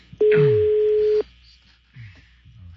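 A single steady electronic ringback tone sounds for about a second on an outgoing phone call to a woman's phone, loud, followed by quieter line noise and faint background sounds.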